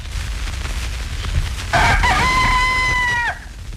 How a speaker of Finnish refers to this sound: Ja siellä muuten vastaa aina naapurin kukkokin tämän virallisen kukon kieuntaan. 30-luvulta vuoteen 63 asti Ylellä oli yksi ainoa radiokanava ja silloin aamut avasi aina aamukukko.